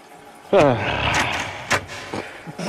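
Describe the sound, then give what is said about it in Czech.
A short vocal sound, then a few sharp metallic clicks and rattles, like keys jangling and a door handle being tried, spaced irregularly, as someone searches for a key. “No, kde je ten spropadený klíč?”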